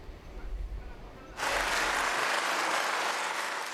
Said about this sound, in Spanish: Y este es el aplauso que ha recibido el primer ministro de Canadá, Mark Carney, en el Parlamento Europeo de Estrasburgo, donde mañana va a pronunciar un discurso como invitado.